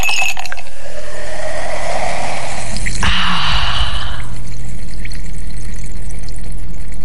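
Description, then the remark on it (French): Water at the Cascade de la Vis waterfall in the Cévennes rushes, pours and splashes loudly, a bright wash of watery noise that swells and then quickly drops away to a faint, steady hiss after about four seconds. “Alors on vous donne rendez-vous à la cascade de la Vis pour une escapade rafraîchissante et 100% nature.”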